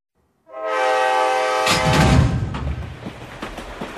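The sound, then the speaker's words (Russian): A train horn blares for about a second, then gives way to the loud rumble and rhythmic clatter of train wheels rolling over rails, with no voices. “Представьте, мирный стук колес, запеченная курица в фольге и чай в подстаканнике.”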